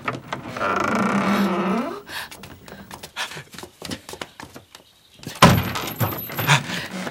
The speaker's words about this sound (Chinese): 开门。